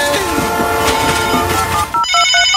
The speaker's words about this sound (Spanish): Ahí viene el tren.